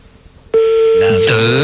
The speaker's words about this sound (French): Là, je donne 3 sonneries, ça décroche.